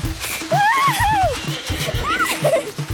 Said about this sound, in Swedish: red Pippi ut genom porten så att småstenen yrde om hästhovarna och skolans fönsterrutor skallrade